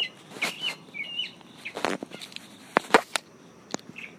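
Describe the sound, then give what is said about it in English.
Several birds call outdoors under a tree in South Carolina in short, scattered chirps and whistles, mixed with occasional sharp clicks and rustling. No one speaks. “Okay, so that's been my bit to your bit from South Carolina, underneath a tree with the birds.”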